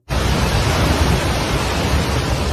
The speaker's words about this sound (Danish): Her der hører vi lyden af de brune vandmasser, der skyllede bygninger og biler rundt. Ifølge de seneste tal, så har de voldsomme oversvømmelser og jordskred nu kostet mindst 362 menneskeliv.